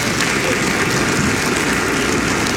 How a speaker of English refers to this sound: Let's give the Lord a hand clap of praise.